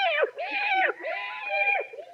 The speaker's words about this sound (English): Hello, kitty. Here, kitty, kitty, kitty, kitty.